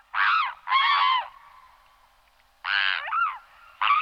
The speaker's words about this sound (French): Ensuite, je passe à un oiseau, un anatidé, un cousin des canards, c'est le cygne tuberculé.